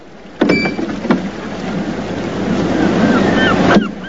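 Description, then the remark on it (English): Gentle waves ebb and flow steadily over the rocks of a bay, with a few sharper splashes breaking through the continuous surf and faint high chirps drifting in near the end. “He pockets the coins and pats down his suit as waves gently ebb and flow over the rocks of the bay.”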